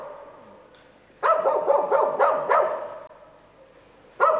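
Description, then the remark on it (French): A burst of rapid, overlapping barks and yips from coyotes and wild dogs roaming at night behind a guesthouse near a shooting range, followed by a lull and then another sudden barking outburst near the end. “Derrière la pension, des coyotes et des chiens sauvages errent au milieu des cadavres de cartouches du champ de tir.”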